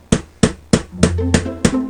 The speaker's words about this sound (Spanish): Los golpes de martillo no paran de sonar desde las 7 de la mañana hasta por la noche en la calle Tverskoy Priest.